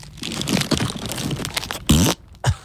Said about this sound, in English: Now... Now take a big crunchy bite. Yeah, come on.